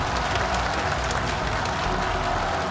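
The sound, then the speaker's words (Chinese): An audience claps steadily in sustained, dense applause welcoming National Museum of China researcher Chen Lüsheng onto a program, a broad crackling wash of many hands at an even loudness from start to end, with no voices rising above it. “掌声有请中国国家博物馆研究员陈履生先生，有请。”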